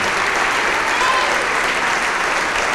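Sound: audience applauding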